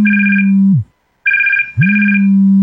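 A telephone rings loudly, an electronic tone over a steady low hum, cutting out for a moment and then ringing again in two quick bursts. No one speaks.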